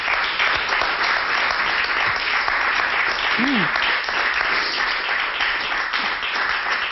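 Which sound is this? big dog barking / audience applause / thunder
audience applause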